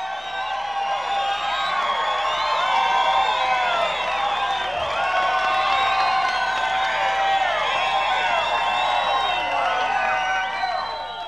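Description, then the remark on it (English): A large crowd cheers and whoops steadily, with clapping mixed in, applauding a performer at a show for around eleven seconds. The noise stays loud and dense throughout. “Another nice round of applause for Chubby Wack.”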